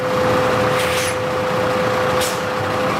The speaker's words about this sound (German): Das Stichwort Methan führt uns nach Wien-Simmering, zur Biogasanlage der Stadt Wien. Eben fährt ein Müll-LKW auf die Waage, denn hier wird alles, das hinein und hinausgeht, genau erfasst.